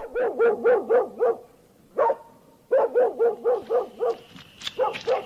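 A mangy dog barks in rapid, yappy bursts in front of a house in Tabriz, loud, with a brief pause before another quick volley of sharp barks; faint higher sounds trail in near the end.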